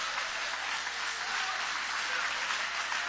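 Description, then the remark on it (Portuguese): A large church audience applauds steadily after a Bible reading, a dense continuous wash of many hands clapping at even loudness throughout, with no voices standing out. “Pode tomar o vosso assento, guarda a Bíblia com carinho e podem aplaudir, podem adorar, podem louvar.”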